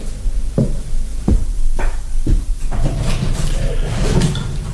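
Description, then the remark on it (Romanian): A window being opened: a quick series of wooden clunks and latch knocks, followed by a scraping, rattling rush of noise as it swings open. “Dă drumul la fereastră.”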